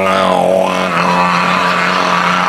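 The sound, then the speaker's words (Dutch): A slow dental drill whines steadily with a low, buzzing motor hum and rich harmonics, its pitch dipping briefly early on before holding a constant grinding tone throughout. “En de langzame boor, ken je die al?”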